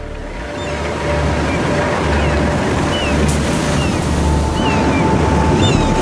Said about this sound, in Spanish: de las olas en plena tormenta. La energía del océano lanzada contra la costa.